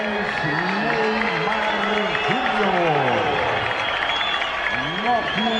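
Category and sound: crowd, timid stadium applause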